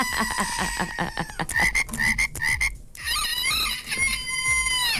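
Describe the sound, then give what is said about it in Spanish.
A comical cartoon frog croak effect, a run of loud, bubbly ribbits and warbling pitched croaks in quick succession, ending with a whistling, sliding squeal, with no one talking over it. “Y mándele una chiva loca, rana loca, ceci loca y todo lo loco que tengan.”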